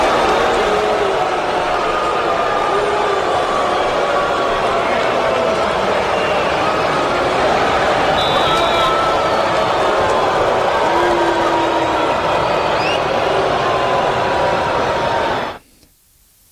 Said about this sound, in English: fans showed up to this game, showed up to Hard Rock Stadium, was to boo Tua Tagovailoa. After spending six seasons with the Dolphins, he made his return to Hard Rock Stadium tonight, and here is some of the reception that he received from the crowd.